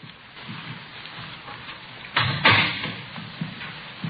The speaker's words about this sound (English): Here we are. I'll get the door.